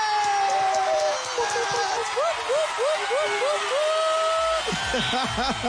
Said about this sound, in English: And you know what? Just because we're excited, we're going to cheer one more time, and I'm going to let it sink in properly.